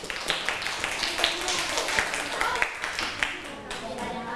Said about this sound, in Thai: และนักเรียนปลายทางนะคะเห็นด้วยกับเพื่อนไหมคะถ้าเห็นด้วยนะคะปรบมือให้เพื่อนด้วยค่ะ